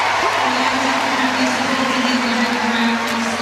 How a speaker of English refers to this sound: That had the crowd roaring.